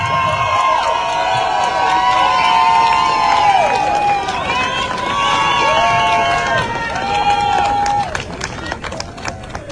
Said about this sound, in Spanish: ¡Fuerte el aplauso!